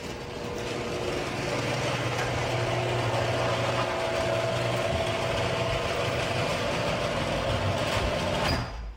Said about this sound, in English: So I'm going to play some audio of what my garage door sounded like before I got my premium nylon rollers. Let's do it.